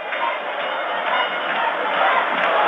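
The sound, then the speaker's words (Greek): About 19,000 Omonoia football fans in a stadium chant slogans for their team at regular intervals during a title match, in a dense, continuous roar of many voices, holding a steady, fairly loud level throughout with no single voice standing out. “Κατά τα τακτά χρονικά διαστήματα φωνάζουν συθήματα για την ομάδα τους.”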